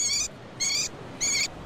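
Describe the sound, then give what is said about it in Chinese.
A captive hwamei thrush kept in a city sings its courtship song: three loud, evenly spaced, high-pitched phrases over a steady wash of urban background noise. “这是城市中圈养的画眉鸟的求偶声。”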